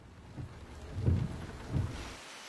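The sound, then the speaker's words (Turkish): Steady rain patters and hisses outside, fairly quiet, with a few soft low rumbles swelling briefly beneath it. No one speaks. “Sanırım yağmurluk gerekecek.”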